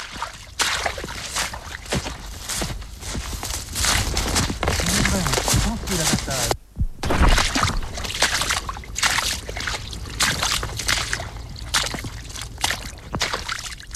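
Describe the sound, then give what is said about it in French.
A continuous, fairly loud babble of flowing water, like a brook trickling and splashing over stones, with a brief break midway before the steady rushing resumes. “10 décibels, bruissement des feuilles en forêt ou bruit d'un ruisseau.”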